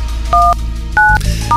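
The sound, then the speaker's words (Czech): Three short electronic dual-pitch beeps from a phone keypad, evenly spaced over a steady low hum, each tone clear and fairly loud as a phone number is dialed for a Hit Radio call. “Tak, vytočíme.”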